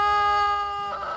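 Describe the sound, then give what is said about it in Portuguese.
A rooster crows loudly, one sustained strained note that breaks into a harsher, raspier ending; no one speaks over it. “Eita, esse galo é brabo, viu, rapaz?”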